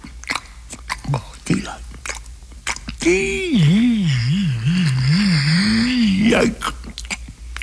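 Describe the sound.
Wet smacking and chewing noises of someone eating a sticky peanut butter sandwich, followed by a long wavering hum of enjoyment, a voice rising and falling in a pleased 'mmm'.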